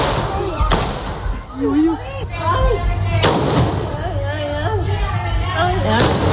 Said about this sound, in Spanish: Algunos vecinos de Puerto Serrano han grabado con sus teléfonos móviles el momento en el que el policía local ha tiroteado al atracador en su huida.